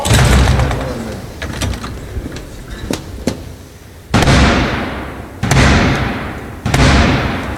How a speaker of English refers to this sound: Most notably, Senior Lords Officer Black Rod having the door slammed in his face to symbolise the Commons' independence from the Crown. Close the door!